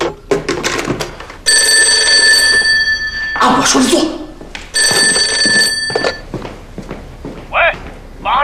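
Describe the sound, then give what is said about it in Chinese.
A telephone rings loudly in two long bursts separated by a short pause, with brief speech before the first ring and between them, and more talking once the ringing stops. “你去，把这个电话给我撂上去。我叫你接电话去啊！”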